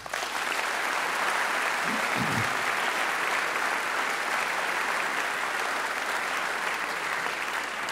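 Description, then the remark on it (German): Sustained applause from an audience at the Deutsches Jazzfestival 2026 in Frankfurt, acknowledging the support of the city of Frankfurt's cultural office. A dense steady patter of many hands clapping fills the whole clip at even loudness, with no voices standing out. “Auf diese Unterstützung dürfen wir seit Jahrzehnten zählen und das ist ein Applaus wert.”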